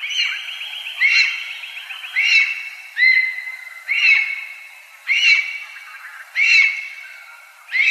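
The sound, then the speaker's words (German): A lesser spotted eagle gives a series of sharp, yelping calls, about six evenly spaced cries over several seconds, fairly loud and clear with no other sounds around them. “Das war der Vogel der Woche von Radio Korax in Halle mit der neuesten Ausgabe zum Schreiadler.”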